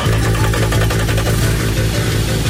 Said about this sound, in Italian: Ecco, forse ci siamo. Sì. I motori stanno rollando a pieno regime.